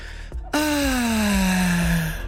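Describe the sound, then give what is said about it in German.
One long, voiced sigh of relief, a loud, close 'ahh' whose pitch slowly glides downward for nearly two seconds after a brief intake of breath. “Die atmen auf.”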